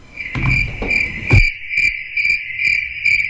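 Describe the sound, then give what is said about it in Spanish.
A cricket chirps steadily and loudly, its shrill trill pulsing in a regular rhythm, with a few dull low thuds in the first second and a half, introducing the RCN radio segment El Grillo Mundialista. “Pues vamos a El Grillo Mundialista, son las 5 de la tarde con 43 minutos.”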